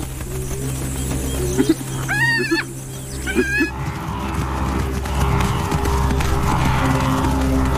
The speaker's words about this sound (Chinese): 狮子和水牛的激烈决斗引人注目